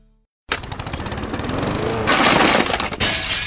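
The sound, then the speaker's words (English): A loud crash of window glass breaking: a rapid, rattling run of sharp impacts builds into a dense, bright burst of shattering that fills the last second or so, with no voices. “Now we've got to replace the whole window frame and all.”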